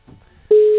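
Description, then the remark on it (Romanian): A steady, loud telephone ringback tone, as a call is placed to a colleague out in the field, starts abruptly halfway through and holds as a single unbroken pitch, preceded by a faint low rumble of background noise. “Sună telefonul.”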